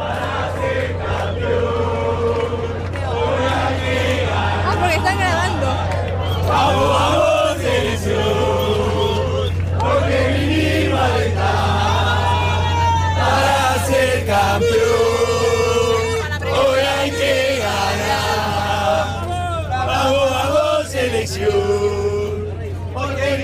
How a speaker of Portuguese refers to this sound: Então, impressionante, né, como a torcida argentina faz barulho, né? A gente vai até mostrar um pouco lá como a torcida argentina já está fazendo barulho horas antes do jogo aqui em Dallas.